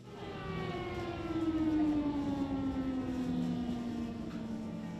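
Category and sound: signal or alarm, air raid alarm siren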